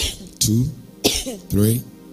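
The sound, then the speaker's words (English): Three loud coughs in quick succession, each a sharp burst trailing into a short voiced rasp, with brief pauses between them. “Just cough 5 times.”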